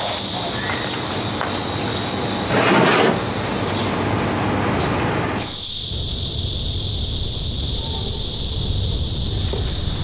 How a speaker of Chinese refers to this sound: 外边下雨，出不了摊了。